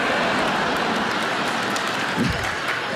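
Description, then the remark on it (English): A crowd cheers and applauds steadily for about three seconds, a dense, even wash of clapping and whooping with no single voice standing out. “Yeah, you cheer, but I don't think you realize how that makes me feel.”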